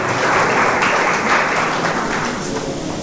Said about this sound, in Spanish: Dale un fuerte aplauso al Rey, porque esta es su palabra, esta es su promesa para cada uno de nosotros.